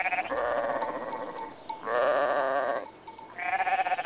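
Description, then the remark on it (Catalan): A goat bleats three times in close succession, loud, each call a wavering, nasal cry with brief gaps between, and no voices around it. “era una cabra que manava un cabridet menut.”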